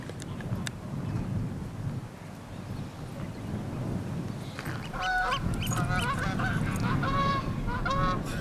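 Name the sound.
geese honking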